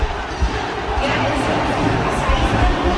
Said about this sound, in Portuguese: Tentando entender o grito da galera. É Vitinho.